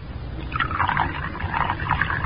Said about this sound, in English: Now unscrew the top. That's it. Now pour it into the Coco.